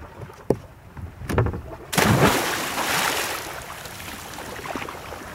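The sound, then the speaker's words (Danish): A loud splash as a woman jumps into cold water, a sudden burst of churning noise that rushes and slowly settles into bubbling, sloshing water after a couple of faint knocks. “Ja, hun ramte i hvert fald vandet over.”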